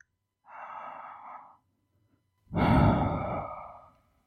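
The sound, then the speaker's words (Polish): A deep breath: a slow, airy inhale lasting about a second, a brief pause, then a longer, heavier sighing exhale that fades out. No talking. “Oddech.”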